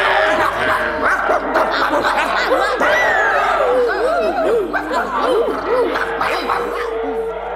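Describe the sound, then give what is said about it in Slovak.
Several dogs, let loose to chase after a running girl, yelp, whine and bark together in a continuous, excited chorus, with rising and falling cries throughout, fairly loud. “Povedala som, pustite psov, dohonia ju.”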